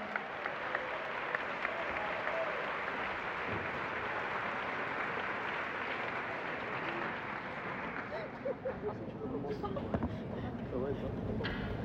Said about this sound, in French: Un tonnerre d'applaudissements pour eux, s'il vous plaît.